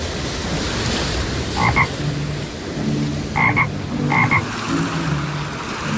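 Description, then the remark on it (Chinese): A toad croaks three times in short, bright bursts over a steady wash of rushing, churning floodwater that fills the background. “达海这次被变成了一只蛤蟆，他在湍急的水中一下子被淹没，一下子又浮起来”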